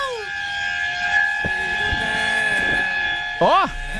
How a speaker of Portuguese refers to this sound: Ah, buzina então. Uma buzininha aí pra alegrar o ambiente. Alegrou, tô vendo. Alegrou muito o ambiente aqui. Nossa, que alegria no ambiente, vai.